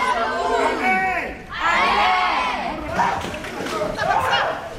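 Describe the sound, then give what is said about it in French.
A group of children shout and yell for help together in French ("À l'aide!") during a lifeguard drowning-rescue exercise at a swimming pool, their overlapping high voices loud, rising in bursts across the whole stretch with a brief dip partway through. “Qu'est-ce qu'on fait? On crie à l'aide toujours.”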